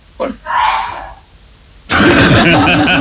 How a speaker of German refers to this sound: Da hat er gehustet, aber das schneidet wieder durch weg.